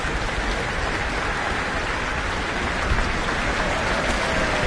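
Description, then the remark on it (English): A steady wash of audience applause for the French horn at an Auckland Philharmonia orchestra concert in New Zealand, dense and crackling, holding an even loudness for several seconds with no voices above it. “French horn receiving some applause.”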